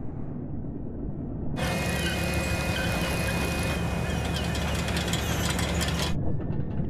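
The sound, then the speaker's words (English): Steady mechanical clattering and ratcheting from fishing boat gear over a constant low engine rumble, with a dense, bright burst of clanking noise lasting several seconds before fading back to the hum. “Orca recognize the characteristic sounds of a boat fishing. To these ingenious predators, the clangs and clanks are a dinner bell.”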